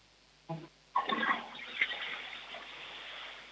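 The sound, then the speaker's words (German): A toilet flushes: a short clunk of the lever, then a sudden loud rush of swirling water that keeps roaring steadily and fades only slightly. No one speaks. “Das war eine tolle Klospülung.”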